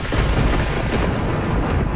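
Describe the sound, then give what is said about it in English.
A massive missile strike explosion roars about 100 feet away, a dense, loud blast of rumbling noise that stays sustained for the full two seconds with no voices. “There was a gap between when the missile strikes and when we hear it.”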